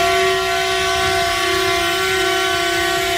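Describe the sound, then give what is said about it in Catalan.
Tractor horns blare together in one loud, unbroken chord, several steady tones overlapping for the whole stretch with no pauses and no voices, at a farmers' protest in Lleida, Catalonia, where about a hundred tractors block the city centre. “Crit de socors del camp que es manifesta amb les botzines i el bloqueig dels tractors.”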